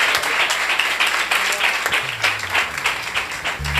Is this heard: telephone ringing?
no